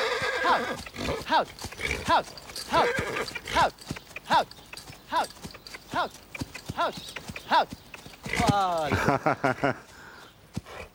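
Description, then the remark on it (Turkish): A stallion whinnies with a long, wavering neigh near the end, while steady hoof clip-clops sound throughout, fairly loud, with some voices talking underneath. “Bu atı benim için mi aldın? Ne yapabildiğine bak.”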